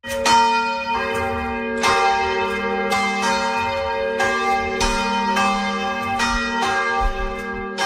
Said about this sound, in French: Là, la nouvelle étonnante du jour, bon, ce son de cloche, ça rien d'étonnant, mais l'entendre comme ça toute la nuit va être un peu fatigant.